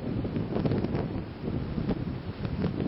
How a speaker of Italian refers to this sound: Ed eccoci davanti al mare, si sente odore di mare e rumori di mare.